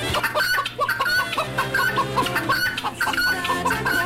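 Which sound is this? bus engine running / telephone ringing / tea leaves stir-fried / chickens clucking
chickens clucking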